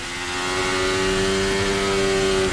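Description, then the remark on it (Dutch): Onboard engine sound from Lewis Hamilton's Formula 1 car: a loud, sustained, high-pitched harmonic whine that holds an almost steady pitch for the whole clip, with no voices. “Onboardgeluid van Lewis Hamilton.”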